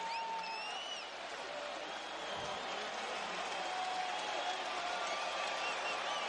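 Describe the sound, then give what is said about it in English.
At a regular-season game, a stadium crowd of Raiders, Patriots and Indiana Hoosier fans cheers as Fernando Mendoza, the Las Vegas Raiders' number 1 overall pick, trots onto the field for the first time, a steady, dense roar for about six seconds with scattered whistles and shouts rising above the constant wash of voices. “I mean, you hear this crowd. This isn't just Raiders fans who are cheering for Mendoza.”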